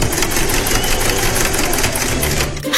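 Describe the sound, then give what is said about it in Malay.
A sewing machine runs steadily while sewing clothes, its loud, rapid mechanical clatter of stitching continuing without pause before slowing and cutting off near the end. “jahit baju tu.”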